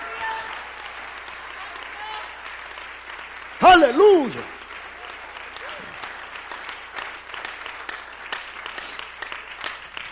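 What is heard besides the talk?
audience applauding in praise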